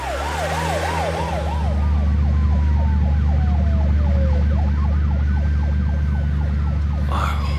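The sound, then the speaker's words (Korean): An ambulance siren wails loudly and continuously as the ambulance departs, shifting from a rapid yelp into slower rising and falling sweeps, over a steady low engine rumble. “앰뷸런스 출발하겠습니다.”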